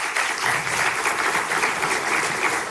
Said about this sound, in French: Ils peuvent en être remerciés. Je vous propose qu'on les applaudisse une nouvelle fois.